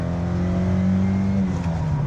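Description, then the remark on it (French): A 1.6-litre, 110 hp car engine revs steadily, its low harmonic drone holding strong for about two seconds with a slight shift in pitch near the end, no voices over it. “Allez, on va écouter un petit peu le chant de ce 1,6 litre, 110 chevaux.”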